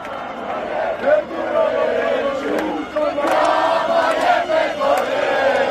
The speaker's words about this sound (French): Ils sont des milliers d'Albanais à crier leur colère sous les fenêtres du Premier ministre Edi Rama. Pancartes créatives ou drapeaux rouges et noirs en main, ils l'accusent de brader le pays aux investisseurs.